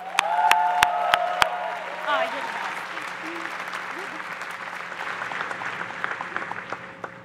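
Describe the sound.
At a Harvard College Class of 2026 gathering, a large audience breaks into sustained applause welcoming the Danoff Dean of Harvard College as the first speaker. It is a dense, steady wash of clapping that holds at moderate loudness throughout, with a few sharp bangs and a brief voice at the start.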